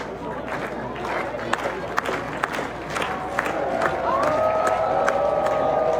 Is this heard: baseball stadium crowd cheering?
yes